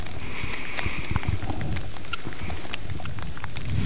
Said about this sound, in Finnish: Sade tuossa hieman ehkä otti vähän vauhtia lisää niin sanotusti, eli kovempi sade alkoi, mutta vieläkin aika maltillista. Kyllä. Tasaista sadetta tänne on nyt sen tunti ennen kilpailua suurin piirtein alkoi sade